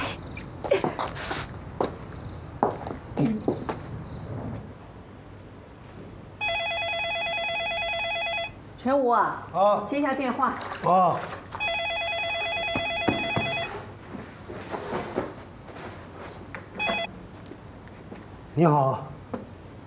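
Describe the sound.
A telephone rings in two long electronic bursts separated by a short pause, loud, with people talking before, between and after the rings.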